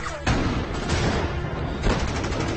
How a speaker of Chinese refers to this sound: 渐渐的，枪声越来越近，身边的人越来越少，但我还是不停的在跑